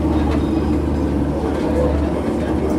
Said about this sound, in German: Das niedrige Rumpeln liegt, soweit ich weiß, auch daran, dass wir gerade auf einem eingebetteten Asphaltgleis stehen